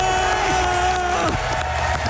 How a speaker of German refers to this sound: Wie macht er das mit verbundenen Augen? Hört mal, wie das Publikum da abgeht.